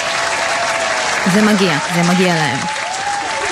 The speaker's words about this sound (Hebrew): וניתן לכם עוד כפיים, פעם האחרונה, כי הייתם אלופים.